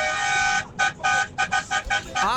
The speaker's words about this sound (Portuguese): Olha lá, vai uma buzinada aí, hein.